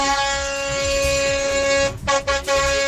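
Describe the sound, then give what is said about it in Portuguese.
A loud, sustained car horn blares steadily for nearly three seconds, with a couple of quick breaks near the end as it's pumped in short bursts before holding again. “Ó, aqui vale pra quem buzina de carro, de moto, vale de todo jeito, cara.”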